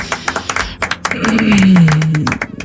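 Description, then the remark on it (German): Hands clap in a quick, uneven run of sharp claps for a couple of seconds, with a brief low humming tone sliding underneath partway through. “Da kann man schon mal klatschen.”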